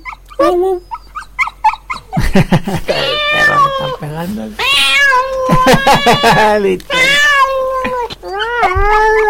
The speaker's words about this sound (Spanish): El gato mayor.